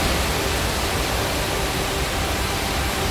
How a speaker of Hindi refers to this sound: देहरादून में बेहिसाब बारिश से नदी नालों में तेज तूफान है। टपकेश्वर महादेव मंदिर के पास तमसा नदी भी रौद्र रूप में है और हालात ये हैं कि श्रद्धालुओं से नदी के पास न जाने की अपील की जा रही है।